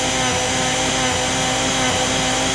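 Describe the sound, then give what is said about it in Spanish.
A blender runs at a steady, loud whir for a few seconds, a continuous high-pitched motor drone with a gritty, buzzing edge and no voices. “Ya prendió la licuadora.”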